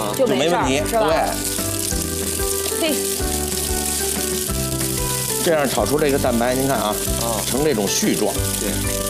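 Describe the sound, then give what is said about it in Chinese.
Egg whites being stir-fried in a heated wok, in oil at about forty percent heat, nearly half-cool, sizzle steadily in a continuous frying hiss that runs the whole time beneath people talking. “哎，锅烧热之后，油烧到四升热，啊，下入蛋清，哎，基本上你看啊，就是这个半凉油的这种状态。”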